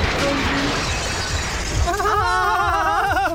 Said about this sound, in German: Entschuldigung! Oh ja, ne? Schon gut, ne? Scherben bringen Glück, ne?